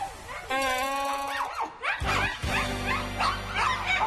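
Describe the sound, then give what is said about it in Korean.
Repeated dog barks in an irregular series, sharp harmonic yaps and whiny yips, fairly loud over a steady low rumble of background noise, in a village. “개 짖는 소리에 온 동네가 떠들썩합니다.”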